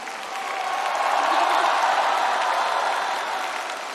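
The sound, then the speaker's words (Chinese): An audience at an awards ceremony in Yantai, Shandong, applauds the outstanding actresses before the best actress award is announced: a dense, continuous wash of clapping that swells a little in the middle and holds strong for the whole four seconds, with no voices on top. “所以在我们接下来马上开出优秀女演员奖的时候，我建议我们现场的朋友们，尤其是热情的我们好客山东烟台的朋友们，为我们这些优秀的女演员们响起掌声，给他们加油，给他们呐喊。”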